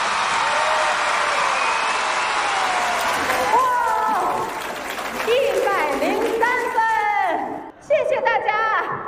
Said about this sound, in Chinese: 好，来，喜欢我们梦马队第一轮逐梦少年现代马术的，准备好你们的掌声、呐喊声，来，一、二、三，走！